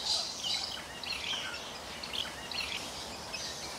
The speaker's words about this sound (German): Jetzt wirkt die Perlhühnerschar wieder ganz gesetzt.